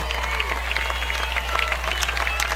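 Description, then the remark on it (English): A large crowd at a high school football game against Jefferson, on the campus of Brandon Valley High School, cheers and claps steadily, a dense wash of applause and shouting with scattered sharp claps throughout, no clear speech over it. “Brandon Valley crowd once again getting amped up here on the campus of Brandon Valley High School.”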